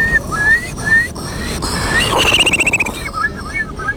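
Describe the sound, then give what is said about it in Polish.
A contest participant whistles an imitation of a Eurasian curlew in a Polish bird-imitation contest: rising whistled calls at first, then a fast bubbling trill of repeated notes that slows into a few final whistles, fairly loud. “To będzie kulik wielki. Brzmi on mniej więcej tak.”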